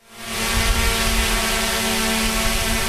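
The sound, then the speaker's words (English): A drone's rotors whir steadily and loudly overhead, a constant buzzing drone with a tonal hum that swells in quickly and holds without pause, with no voices. “That whirring sound is a sure sign of an unmanned aerial vehicle, also known as a UAV and more commonly referred to as a drone.”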